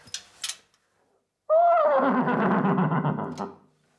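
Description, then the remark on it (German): A tuba imitates a horse's whinny: a loud, brassy blast from about 1.5 to 3.5 seconds, starting on a higher pitch, then shaking into a rough, wavering neigh that fades out. “Was war das? Ein Pferdl.”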